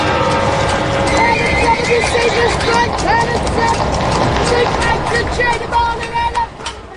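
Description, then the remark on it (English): A horse and wagon in Syracuse, as used by hucksters and farmers selling goods along the streets: hooves clip-clop in a steady rhythm while the horse neighs and whinnies now and then, loud, over a busy background murmur of indistinct voices and street noise. “I can go back to the point where there was horse and wagons.”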